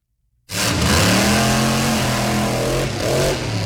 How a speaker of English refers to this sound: Nothing compares to the one and only Monster Jam at the Spectrum Center on July 18th and 19th. Become a fan for life with an ultimate day of family fun by listening to Mac and Bone when you hear the Monster Jam roar.